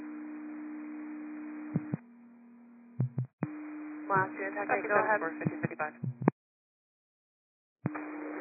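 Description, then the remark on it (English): Radio dispatch alert tones: a steady, low, sustained tone over a narrow radio channel, broken by squelch clicks, with a brief stretch of voice, as Cascade unit 5511 acknowledges receiving the tones, and a silent gap before the tone returns. “Last year, Cascade, 5511, received tones.”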